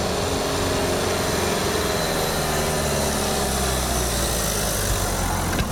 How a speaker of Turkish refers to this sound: İnen araçların freni tutmuyor, çıkan araçlarınsa motor gücü yetmiyor. İşte Ankara'nın son fenomeni olan o yokuş.